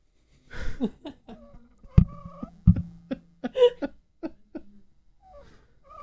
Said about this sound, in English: That sounds like such a sad puppy.